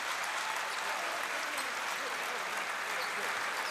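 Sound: stadium crowd applauding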